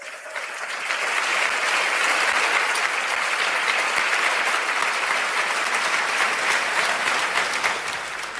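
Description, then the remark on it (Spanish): A church audience breaks into loud, sustained applause for Christ, a dense wash of clapping that swells within the first second and holds steady for several seconds without any talking. “Dar un aplauso fuerte a Cristo.”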